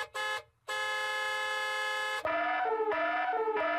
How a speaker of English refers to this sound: Oh, that's the email alert already.